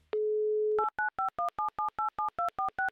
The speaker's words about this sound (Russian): Итак, Антон, я набираю ваш номер телефона.